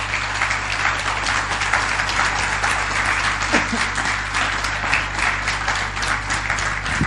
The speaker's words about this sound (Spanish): Ahora, denle un aplauso al Señor, ¿sí?